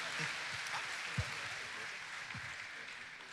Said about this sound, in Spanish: Den un aplauso a Dios y por favor seguimos bendiciendo el nombre de nuestro Señor.